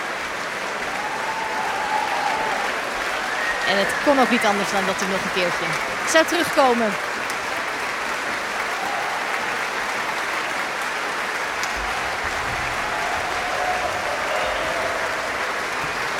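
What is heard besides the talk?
audience applauding enthusiastically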